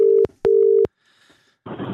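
A telephone dial tone sounds in two loud, steady bursts, each cut off by a click, followed by a short silence and then a rush of rough, crackly noise.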